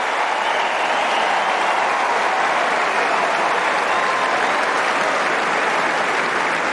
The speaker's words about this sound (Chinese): 好球啊，漂亮漂亮，小兹列夫也是为对方送上了掌声啊。